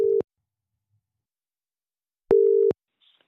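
A telephone ringing tone, a steady mid-pitched electronic beep heard twice: a brief clipped burst, a two-second pause, then a longer clear tone, with no one speaking.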